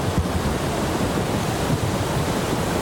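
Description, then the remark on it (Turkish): A steady, dense, loud roar of floodwater rushing from a stream that overflowed after heavy rain in Karasu district, Sakarya, with a broad hiss that holds constant throughout and no voices or distinct events rising above it. “Yağış nedeniyle Karasu ilçesindeki dere taştı.”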